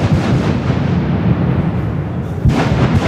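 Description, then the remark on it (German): The first blast starting construction of the Las Ruinas tunnel between Disentis and Mädel: a loud, sustained rumbling roar with a second sharp boom near the end, heavy and booming, with no voices. “Das war ein Anschiessen vom lang ersehnten Tunnel Las Ruinas”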